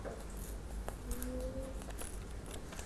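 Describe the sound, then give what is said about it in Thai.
Paper is slowly torn by hand in a straight line, one hand holding the paper while the fingers of the other guide it; a quiet, steady ripping with small crackles and scratchy ticks over about three seconds, and no voices. “มือข้างหนึ่งนะคะจับกระดาษมืออีกข้างหนึ่งค่อยๆใช้นิ้วประคองกระดาษแล้วฉีกออกมาเป็นเส้นตรง”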